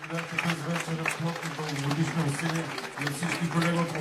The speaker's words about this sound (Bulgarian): Чувате финалните ръкопляскания на концерта, който предадахме директно от Дома на културата НХК в Бургас.